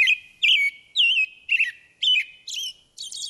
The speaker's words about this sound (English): For example, some birds have clear singing voices, like this American robin.